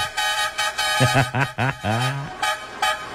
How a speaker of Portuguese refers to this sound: Chama! Tem que chamar na buzina.